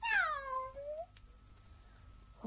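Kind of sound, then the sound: animal, cat meowing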